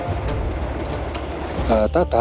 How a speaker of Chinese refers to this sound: 等铁路通了以后，一眼望不到边的草原上，第一列火车呼啸着开过来，就跟一匹脱缰的烈马一样。